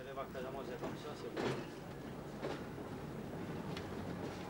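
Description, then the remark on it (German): A train rumbles as it is finally set in motion in third gear, a steady low mechanical roar with a couple of clanks and hisses, while faint voices murmur underneath. “Dann endlich schafft er es im dritten Gang, den Zug in Bewegung zu bringen.”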